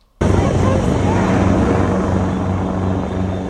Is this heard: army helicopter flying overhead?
yes